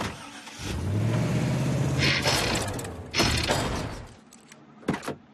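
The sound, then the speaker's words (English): A delivery truck engine turns over and runs with a rough, sputtering rumble for a few seconds, then dies out, leaving a couple of short mechanical clunks. No one speaks. “Looks like my truck is broken.”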